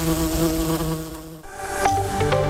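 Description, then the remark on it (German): A dense, continuous buzzing of a bee swarm, many insects droning together with a steady hum that shifts slightly in pitch partway through. “Ein Bienenschwarm wird nach deutschem Recht herrenlos, wenn sein Eigentümer die Verfolgung nicht unverzüglich aufnimmt oder aufgibt.”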